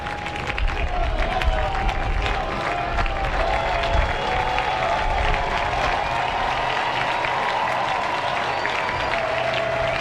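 A large baseball crowd cheers and claps in a steady, dense roar throughout, with two on and two out in the inning. The sound is loud, with a sustained whistle-like tone running beneath it.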